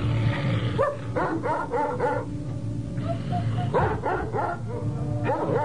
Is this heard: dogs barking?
yes